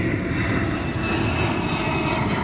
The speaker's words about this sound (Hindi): J-20 चीन का पांचवी पीढ़ी का स्टेल्थ फाइटर जेट है जिसे रडार पर पकड़ना बेहद मुश्किल माना जाता है।